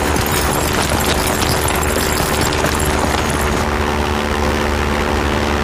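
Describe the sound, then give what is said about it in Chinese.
A propeller airplane drones steadily overhead, its continuous engine hum holding level for several seconds, then growing a little duller as it starts to move off. No one speaks. “哎，是飞机！”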